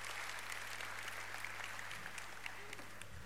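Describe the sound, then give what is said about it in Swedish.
A crowd applauds steadily for a few seconds, a dense wash of many hands clapping at a fairly even level, with faint low hum beneath. “En applåd.”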